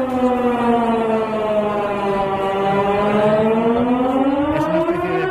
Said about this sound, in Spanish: Para ver que todo funciona, sí. Este sistema de emergencias, por si alguna vez hay alguna emergencia de verdad. No, hemos pensado que era una alarma antiaérea y nos hemos tirado al suelo.